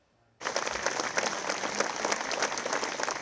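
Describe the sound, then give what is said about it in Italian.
Long, sustained applause from a large crowd at a funeral in Crognaleto, Abruzzo, Italy, as a white coffin leaves between two rows of people and white balloons rise; it starts abruptly after a brief quiet moment, dense overlapping clapping holding steady and loud throughout. “I palloncini bianchi in aria, un lungo applauso, la bara bianca che esce tra due ali di gente, la sua gente, quella di Andrea Moretti, il 22enne operaio morto sul lavoro al Colosseo.”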